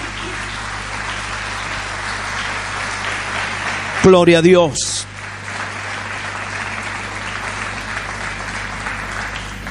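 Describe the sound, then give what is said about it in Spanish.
An audience applauds for the Lord, a dense, sustained wash of clapping that fills the whole stretch, with a single voice calling out briefly in the middle over the applause. “Aleluya, denle un aplauso más grande al Señor.”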